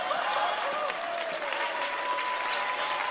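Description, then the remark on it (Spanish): Steady, dense applause from a Christian audience at a worship service fills the whole few seconds, loud and continuous with a faint tonal hum running through it. “Y todos los que están aplaudiendo son medio hipócritas.”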